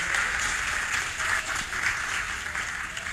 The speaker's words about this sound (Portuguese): Salva de palmas aqui para a família, para os filhos, né?